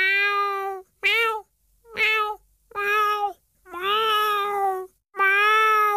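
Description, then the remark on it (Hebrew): A person imitates a cat with six loud meows in a row, some short and some drawn out, with brief pauses between them and no other sounds. “שלום, ומיאו! מיאו! מיאו!”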